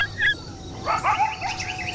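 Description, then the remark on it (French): A chorus of coyotes yipping and howling, with several high, wavering calls overlapping in quick bursts, moderately loud against a faint background hiss, with no talking. “On dirait des aboiements, mais plus aigus et perçants que ceux du chien. C'est un véritable concert, dites-donc.”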